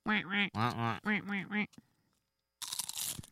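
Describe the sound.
A person imitates a duck, giving four loud, nasal quacks in quick succession, followed by a brief silence and then a burst of crunchy, rustling noise.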